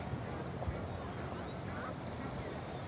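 Faint goose honks and duck-like quacks from geese that have recovered drift through a steady outdoor wash of noise by the water, scattered across a few seconds, with a murmur of voices underneath.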